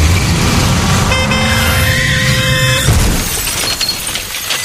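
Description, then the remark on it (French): A car horn blares steadily for about two seconds over loud road rumble, then a crash with an oncoming car carrying a family erupts with breaking glass, followed by fading debris noise and engine sounds. “Dans la voiture qui arrivait en face, une famille rentrait simplement de vacances. Elle n'est jamais rentrée chez elle.”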